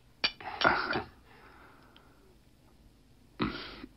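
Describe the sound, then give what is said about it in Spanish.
Glasses clink together in a toast: a sharp tap, then a brief cluster of clinks, and after a pause one more clink, with no talking. “Entonces, si me la permiten, propongo un brindis.”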